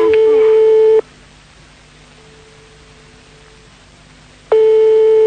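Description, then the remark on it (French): A phone line rings unanswered: a steady, mid-pitched ringing tone sounds for about a second, falls silent for several seconds, then starts again, with only a faint low hum in the gap. “Pour l'instant, maintenant, ça sonne dans le vide.”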